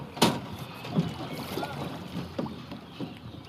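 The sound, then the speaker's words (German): A rowing boat moves on the Main river during a training session, with a sharp clack near the start and soft rhythmic oar strokes and splashes, wind and water noise in the background, no talking. “Die haben dann ihr Boot rausgetragen und sind auf den Main, um zu trainieren.”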